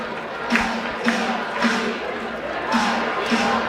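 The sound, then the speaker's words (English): A baseball stadium crowd keeps up a steady, lively roar, punctuated by rhythmic bursts like chanting claps about every half second, with no clear talk over it. “Well, this crowd, all night long, has been lively. They have been excited.”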